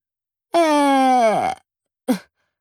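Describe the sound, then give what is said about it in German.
A loud snore imitated by a voice: one long, droning groan that sags in pitch, then a brief puffing exhale after a short pause. “Sekunden später schnarcht er, dass die Bilder an den Wänden wackeln.”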